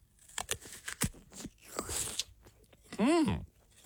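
Crisp, close-up crunches of someone biting into an apple, several sharp snaps followed by wet chewing, then a short appreciative hum from a voice near the end.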